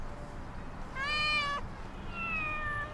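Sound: cats meowing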